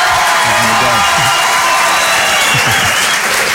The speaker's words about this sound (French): Ça compte pour les droits d'auteur, ça ou pas, les applaudissements? Oui, oui, c'est pour ça qu'on les laisse. J'ai mis l'applaudissement dans les droits d'auteur. Allez-y, refaites-en quelques-uns pour voir.